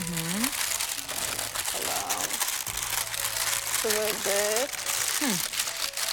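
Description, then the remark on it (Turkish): Busy crinkling and rustling of parchment paper being folded closed over food with lemons, to be baked in the oven in its own steam, continuous over several seconds, with voices talking underneath. “Yağlı kağıda aslında içine koymuş olduk. Aynen öyle içine koymuş Kapattık.”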